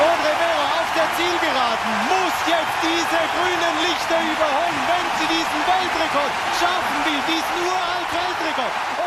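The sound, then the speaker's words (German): A large stadium crowd of Swiss spectators cheers loudly and without pause at Audrey Vero's 800-metre race, in which she set a Swiss record and won, a dense, steady roar of many voices with rising shouts and whoops throughout. “Audrey Vero verpasste zwar über 800 Meter den Weltrekord, aber sie stellte einen neuen Schweizer Rekord auf und gewann vor Schweizer Publikum, das hörbar begeistert war vom Lauf der Freiburgerin.”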